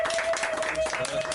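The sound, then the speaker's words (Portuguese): A burst of steady applause for a young girl after she sang a song, many hands clapping in a dense, even patter throughout, with a faint continuous tone running underneath. “Palmas pra ela.”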